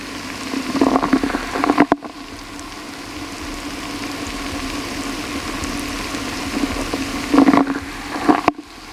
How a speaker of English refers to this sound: In the effervescent froth of chemical action, thousands of tiny bubbles swill oxygen around Mam's teeth, lifting stains and dislodging debris.